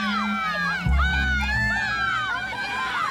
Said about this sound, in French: À tout âge, dès qu'ils arrivent sur une plage, ils courent vers l'eau, les bras en l'air, en criant. Ils plongent en hurlant.